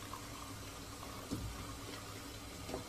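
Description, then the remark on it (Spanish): At a stove, a visually impaired man pours coffee from a coffee pot into a cup he locates with his left hand, a soft, steady trickle lasting a few seconds, with a couple of faint clinks partway through, without talking. “Extrae la cafetera de una tetera y lo sirve en una taza que ubica con su mano izquierda.”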